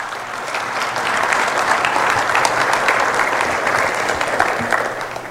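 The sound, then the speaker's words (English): Steady audience applause lasts several seconds, a dense patter of many hands clapping at once, even in loudness throughout, with no voices. “Applaud or prayers?”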